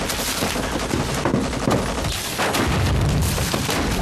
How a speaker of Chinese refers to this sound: 哪来的枪炮声？ 日军正在进攻郭万明方，打得很激烈。